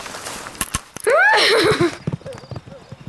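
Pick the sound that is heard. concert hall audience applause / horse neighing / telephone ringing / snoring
horse neighing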